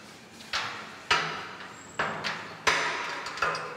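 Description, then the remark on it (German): An animal named Tarson knocks impatiently against a hard surface at feeding time, about six sharp, resonant thuds at an uneven, insistent pace, with faint background hiss and no voices. “Es ist Futterzeit und es dauert ihm alles im Moment zu lange. Und deswegen klopft er schon mal an.”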